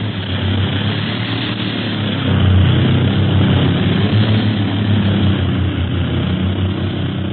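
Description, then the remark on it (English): A propeller airplane engine drones steadily in flight in windy weather over Africa, a loud, continuous low rumble with a throbbing hum that swells slightly partway through and never lets up. “Plane's bucket. You're telling me. It's going to be tough to drag that town in this wind.”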